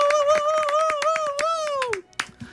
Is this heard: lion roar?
no